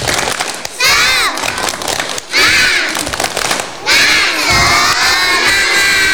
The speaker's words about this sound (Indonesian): Okay. Kalau masih semangat, coba kita tepuk semangat dulu. Bisa? Bisa. Yuk, kita aba-aba dulu. Tepuk semangat.